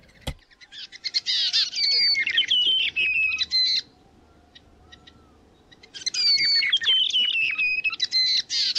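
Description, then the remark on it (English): Brown creeper birdsong: two bursts of bright, high-pitched chattering and whistled notes, separated by a few seconds of quiet, with no talking. “Peppa Pig, the brown creeper, RNZ National.”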